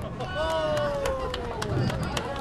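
Scattered handclaps from a small group ring out in a busy, echoing indoor space, over steady background chatter and a faint sustained tone that slowly drifts downward.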